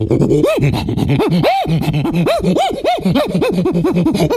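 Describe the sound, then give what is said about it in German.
A person imitates a prosimian upset by many dogs running in front of it, with a rapid string of rising-and-falling squeals and yelps, loud and excited, repeating in quick bursts without any words. “Ja, und jetzt regt der Halbaffe sich auf, weil vor ihm ganz viele Hunde laufen und die mag er gar nicht.”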